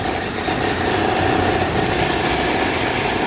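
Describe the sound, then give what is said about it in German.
Loud, continuous mechanical clatter of a jackhammer pounding away at a construction site in Manhattan, a dense rapid hammering that holds steady throughout with no speech. “In Manhattan wird ständig irgendwo gebaut, gegraben oder mit dem Presslufthammer gebohrt.”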